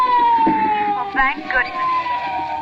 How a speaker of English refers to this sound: Well, what is it? Ambulance. Oh. Oh, and here comes a prowl car. Must be a traffic accident or something.